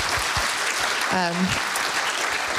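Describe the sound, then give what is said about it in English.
Steady audience applause for the panelists after a panel discussion fills the whole stretch, a dense wash of many hands clapping, with a brief voiced tone or cheer rising out of the crowd midway. “Please, big round of applause for being so open and honest today.”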